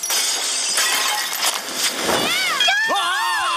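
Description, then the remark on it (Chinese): Property is smashed and glass shatters amid a dense run of smashing and crashing, several loud bursts close together, then excited voices rise and shout over the fading debris. “哈，砸烂别人的财物超好玩。”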